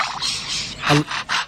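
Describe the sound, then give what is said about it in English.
A lyrebird imitates a saw: rasping strokes repeat in quick bursts, with one brief squealing tone partway through, and no talking. “It's making all these with its mouth? Yeah, out of its beak mouth.”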